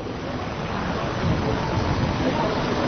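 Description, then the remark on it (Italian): Heavy rain pours down outdoors at the Hack Meeting 1988 in a dense, steady hiss that grows slightly louder partway through, with no clear voices above the downpour. “It's raining now at the Hack Meeting 1988.”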